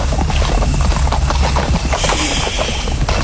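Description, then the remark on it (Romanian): A horse's hooves clip-clop in a quick, steady rhythm, the clatter blending into a dense, continuous rumble of background noise as the animal moves off. No voices. “Die, calul, die.”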